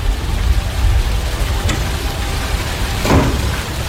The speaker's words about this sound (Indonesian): Aduh, kenapa, Pak? Kok hujan-hujan gini?